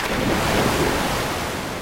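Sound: ocean waves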